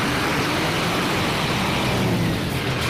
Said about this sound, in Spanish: Caixo, esto es un no parar, María, de camiones que, por ejemplo, salen y suenan así.